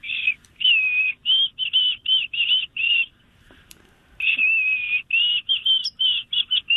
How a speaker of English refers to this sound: And I remember it as a kid. Very good. White-throated sparrow. You were pretty close.